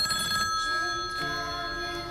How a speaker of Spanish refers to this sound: Bueno, pues el miedo puede empezar con algo tan sencillo como un teléfono que suena.